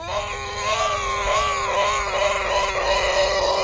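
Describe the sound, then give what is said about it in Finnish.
A voice imitates a pig singing at a choir audition, a continuous squealing, warbling tone with wavering pitch that holds steady and fairly loud for several seconds without a break. “Ja sitten tuli vielä sika.”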